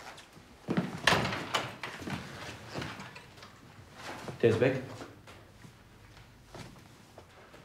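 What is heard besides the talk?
door being closed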